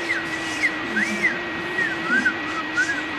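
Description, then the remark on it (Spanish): Someone whistles a short, wavering tune of several sliding, rising-and-falling notes, fairly clear, with a faint steady hum in the background and no talking. “Y silbaba mientras hacía.”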